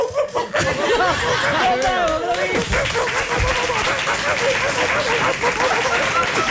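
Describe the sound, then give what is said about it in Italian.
A voice mimics five dogs barking together, a quick jumble of warbling, rising and falling yelps, and then loud applause and laughter from an audience take over. “Io una volta facevo l'imitazione dei più cani insieme.”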